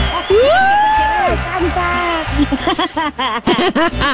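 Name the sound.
girls shouting and cheering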